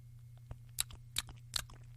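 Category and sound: human body sound, lip smacking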